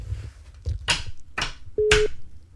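A phone line on an outgoing call to a radio listener: a few sharp clicks or bursts, then a short steady ringback tone near the end. It sounds clear, with no one speaking.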